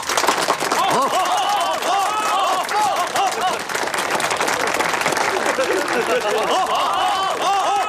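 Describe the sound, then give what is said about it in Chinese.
A crowd claps loudly and steadily for the whole eight seconds, the dense applause mixed with scattered shouts and cheering voices. “他的表现是有目共睹的，打入济南城是他带着小队第一个冲上城门的，鼓掌。”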